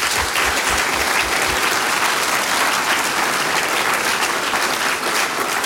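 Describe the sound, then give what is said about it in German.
A crowd at the live Radio Oberösterreich Frühschoppen in Gampern, Upper Austria, claps steadily for several seconds, a dense, even patter of many hands at full volume, with no voices rising above it. “Applaus für euch von meiner Seite.”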